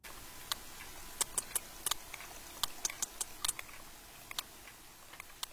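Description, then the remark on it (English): A sperm whale in the Mediterranean clicks: a loose, irregular series of sharp, dry clicks, some in quick pairs, over a steady low background hiss. The clicks are moderately faint, and no one speaks. “But is this sperm whale from the east side of the Mediterranean or the west?”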